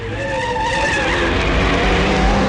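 A motorcycle engine rolls in loud, its pitch sliding down as it brakes, with a squealing, skidding edge as the rider pulls up and the bike slows to a halt at the front door of a house.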